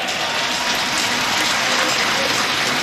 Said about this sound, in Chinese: 好的，观众们，第一组的自己的六次试跳，掌声送给牙买加的盖尔。